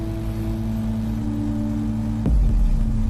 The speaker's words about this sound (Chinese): 无人机的螺旋桨声响彻整个山沟，来来回回间，一棵棵树苗被精准地运送到各个指定位置。